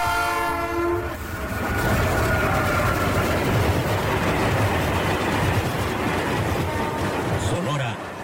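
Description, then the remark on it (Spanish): A train horn sounds briefly at the start, then a loud train rumbles steadily along the rails with a continuous roar and rhythmic wheel clatter. “6 de mayo, 146 años del primer recorrido del ferrocarril en el estado de Sonora.”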